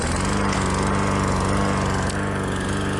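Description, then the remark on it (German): A lawn mower engine runs loud and steady for the whole stretch, with a rapid rhythmic low-end chug under a bright, buzzing whine. No voices are heard. “Und wenn er zwischendurch den Kopf frei bekommen muss, steht der Rasenmäher hoffentlich nicht allzu weit weg.”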